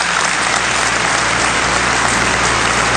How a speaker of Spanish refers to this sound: Lo aplaudieron de nuevo.